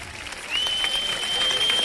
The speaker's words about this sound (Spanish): Y gracias a los colegios Nuestra Señora del Castillo de Chillón. Aplausos. Hijos de Obreros de Almadén. Un aplauso.